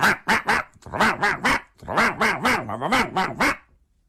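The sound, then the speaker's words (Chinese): A human voice imitates a dog barking in a storytelling performance, voicing Emperor Taizong barking back at his pet dog, a rapid string of about a dozen sharp, voiced barks in two bursts with a short pause between, loud. “这太宗皇帝一看左右无人，也跟这狗汪汪汪汪汪汪汪汪汪汪，你看这俩人唠得可热乎了。”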